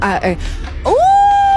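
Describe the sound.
A brief spoken phrase, then a voice imitates a wolf howl: a clear rising glide into a long, steady high-pitched note held loudly to the end.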